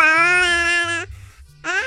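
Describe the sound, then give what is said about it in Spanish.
A chubby baby's jubilant shout, happy at being brought its giant baby bottle: one long, steady, high-pitched squeal lasting about a second, a short pause, then a second loud squeal that rises in pitch. “Un grito jubiloso, a ver.”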